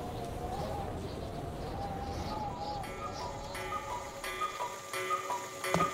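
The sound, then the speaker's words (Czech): Cuckoo clocks tick steadily while soft, repeated cuckoo calls chime out twelve o'clock noon over a busy, muffled background, the ticks growing sharper and more distinct toward the end. “Když kukačky ohlásily 12, babička začala vyhlížet dědu, protože měla oběd na plotně.”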